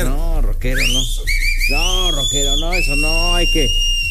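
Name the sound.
person whistling at someone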